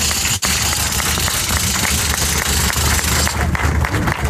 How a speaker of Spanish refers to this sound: Arranca justamente este evento acá en Villa de Pozos. En el municipio. En el municipio de Villa de Pozos, el aplauso es para ustedes, amigas, amigos.